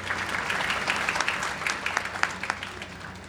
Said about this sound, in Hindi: तालियां बजती रहें।